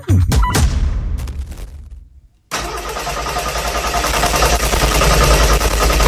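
A car engine cranks and sputters for a couple of seconds, failing to start, then dies away to near silence before a loud, steady rumbling roar takes over to the end. No one speaks.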